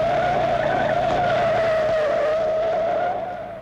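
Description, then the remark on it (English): A car brakes hard, its tires letting out one long, loud, high-pitched screech that holds steady for several seconds before quickly trailing off at the end. “We're too close. Brake hard.”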